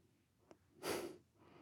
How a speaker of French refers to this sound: C'est ma respiration.